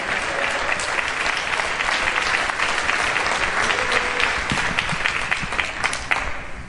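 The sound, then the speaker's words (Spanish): A large crowd applauds God Almighty steadily, a dense wash of many hands clapping at once that holds at a consistent, fairly loud level for several seconds without any talking. “Oh, ¿quién le da un aplauso al Dios Todopoderoso?”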